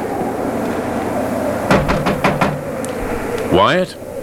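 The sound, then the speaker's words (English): A quick run of about five firm knocks on a wooden cabin door at 3 in the morning, over a steady low background hum; a voice begins speaking just afterward. “I'll knock.”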